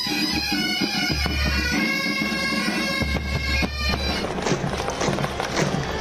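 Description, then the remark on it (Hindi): Hooves of horses ridden by police personnel clatter across the police parade ground in Raipur, Chhattisgarh, India, during an Independence Day full dress rehearsal, a steady, uneven stream of sharp knocks against a dense, loud backdrop with low droning tones and no voices. “इस बीच घोड़े पर सवार जवान भी मैदान में उतरे और एक से बढ़कर एक करतब दिखाकर हर किसी को रोमांचित कर दिया।”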